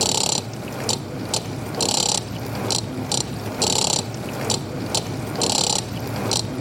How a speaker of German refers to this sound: Kaffeemühle und Mixer. Eine Runde weiter im Casting. Jetzt versuche ich erstmal mit dem Mixer den Rhythmus von der Spülmaschine mitzuspielen.